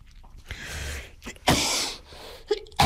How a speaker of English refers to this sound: Apologies for that, my cough is playing up again today.